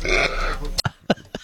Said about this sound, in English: Burp.